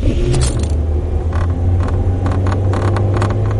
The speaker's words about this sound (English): Does your car rattle like an old washing machine? If it does, you'd probably rather have another car.